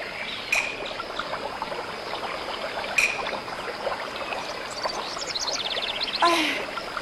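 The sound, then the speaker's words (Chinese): Water flows steadily over rocks in a mountain stream, a continuous babbling hiss with a few brief bird chirps and clicks rising above it, no voices present. “你再仔细听听， 这山上除了鸟叫声和流水声，没有孩子的哭声啊。”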